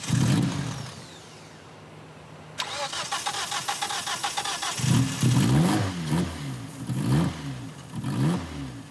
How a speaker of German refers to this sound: Doch das Auto will immer noch nicht. Aber Jan Ola hat noch einen Trumpf. Ein Starthilfespray. Der Motor springt an.